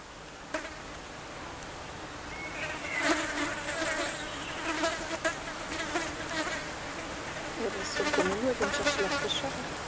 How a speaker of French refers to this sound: J'observe là, t'as un tapis de mouches, c'est excellent. Ouais, on les entend même là, si je fais doucement là.